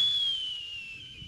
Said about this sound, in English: That's different from a warning call, which Benassi says he doesn't expect the bird would make. Here's what that sounds like.